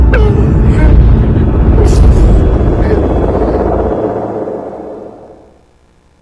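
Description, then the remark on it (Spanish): Heavy, booming blasts from a bombing attack, shaking a house, roll into a continuous deep rumble, loud, with a few sharp cracks on top, before the din dies away into near silence. “Nos empezaron a bombardear y me espanté. La casa temblaba por las explosiones.”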